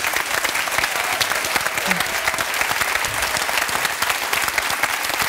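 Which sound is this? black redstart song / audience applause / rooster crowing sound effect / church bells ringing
audience applause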